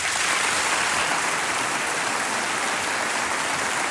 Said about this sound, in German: Aber seien Sie sich sicher, meine Damen und Herren, auch wenn Sie nicht hier auf unserer Liste stehen, Sie alle hier im Saal sind unsere Ehrengäste. Der Applaus gilt allen gleichermaßen. Herzlich willkommen.